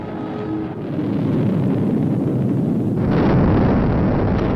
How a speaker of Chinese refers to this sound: 点火20多秒以后，就在眼见的那个范围里头，离的发射场不远的地方就爆炸了。